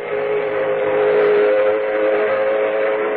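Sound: steam locomotive whistle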